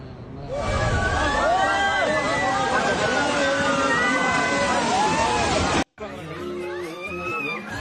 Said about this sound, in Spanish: Vamos a ver las impresionantes imágenes de los deslizamientos de tierra que se registraron. Las imágenes captaron el momento en que parte de una montaña se desprendió en segundos y se precipitó sobre el río Kaligandaki.